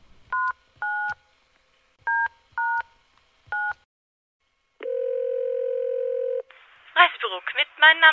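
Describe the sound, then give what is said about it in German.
Five short mobile phone keypad beeps tapped out in an uneven rhythm as a number is dialed, followed by a steady ringing tone on the line, then a voice begins speaking as the call connects. “Als sie die Nummer gefunden hatte, überlegte sie kurz und wählte dann diese auf der Zahlentastatur ihres Handys.”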